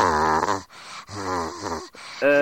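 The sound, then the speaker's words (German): A voice imitates the raspy coughing of men heard on the telephone, with three drawn-out, groaning, throaty bursts, separated by short breathy hisses. The sounds are voiced and gravelly and fairly loud throughout. “Und da sind dann immer Männer dran, die haben Husten und so, Da ganz sind kratzig.”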